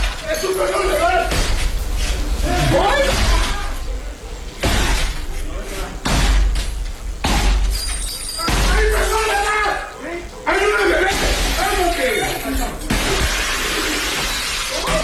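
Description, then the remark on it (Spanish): A house's entrance door being forced and broken down by two hooded men carrying long guns, in the municipality of Nanchital, southern Veracruz state: repeated heavy crashing blows and splintering impacts at irregular intervals, loud, with agitated voices in the background throughout. “En las imágenes se observa a dos sujetos con capuchas y armas largas tirar la puerta del acceso de la vivienda ubicada en el municipio de Nanchital.”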